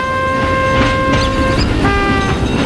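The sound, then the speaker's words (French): A tram passes on its rails on the Gran Via in Barcelona on a June evening, a loud rumbling clatter under a steady, high whining tone that shifts slightly partway through, with no voices. “Mais en traversant la Grande Via, un tramway le renverse.”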